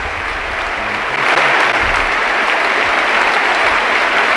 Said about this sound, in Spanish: Dani Parejo, que se marcha con ese gol y con esta gran ovación. Se van él y también Alfonso Pedraza. Abrazados 1-1 por todos los compañeros del Villarreal. Se para el partido. Ahí está el homenaje de la Cerámica.